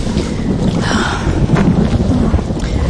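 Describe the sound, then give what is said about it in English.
Heavy rain pours steadily while deep thunder rumbles continuously underneath, loud, with no voices, just a dense wash of storm noise throughout. “Oh, it would rain.”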